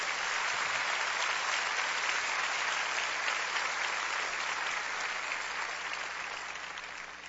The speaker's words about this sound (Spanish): Dale a nuestro Señor ese aplauso.